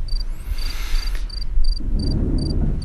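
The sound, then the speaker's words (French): A cricket chirps in a steady, evenly spaced series of short high-pitched pulses over a low rumbling background noise with no voices. “Les criquets, je vous prie.”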